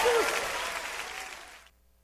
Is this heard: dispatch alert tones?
no